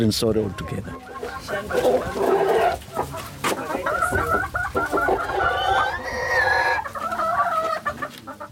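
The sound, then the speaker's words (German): Chickens cluck busily on a small farm with goats and a field, with a rooster crowing in a long, rising call near the end. The farmyard noise runs steadily throughout, and a voice can be heard underneath. “Ein paar Ziegen und Hühner, ein Acker, eine bescheidene Unterkunft.”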